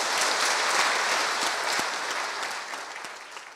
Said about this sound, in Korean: 힘찬 박수로 맞이해 주시면 고맙겠습니다.